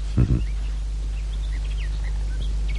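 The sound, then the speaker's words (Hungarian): Birds chirp faintly, a scattered series of short, high calls over a steady low hum, after a couple of brief thumps at the start. “A madarak csicseregnek.”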